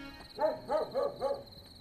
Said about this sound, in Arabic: صوت الكلاب ما سكتش.